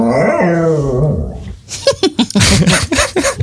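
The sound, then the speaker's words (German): A dog that wants something it cannot get lets out a drawn-out, wavering whine or howl, then breaks into a quick series of rough, short yelps and growly noises, fairly loud. “Das ist doch eindeutig ein Hund.”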